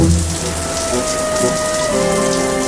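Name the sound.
shower running water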